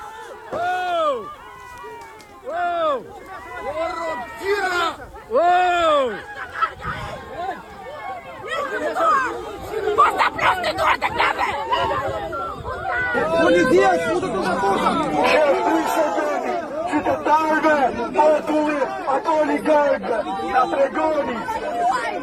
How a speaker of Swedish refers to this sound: Vad är det vi hör? Det är upprörda människor. Ja, det är väldigt upprörda människor, och det de här demonstranterna skriker då, det är bland annat att det här är invånarnas land, försvara inte oligarkerna, till exempel.